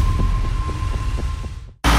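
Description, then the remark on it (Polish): An unusual engine, announcing the Agro Show agricultural exhibition in Bednary near Poznań, runs with a deep, steady throbbing rumble with regular pulses about four times a second and a faint whine, cutting off abruptly into a brief burst of loud noise. “Słyszysz? To niezwykły silnik.”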